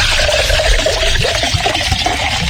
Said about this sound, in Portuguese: É esse aqui, ó. Cadê? Água com gás.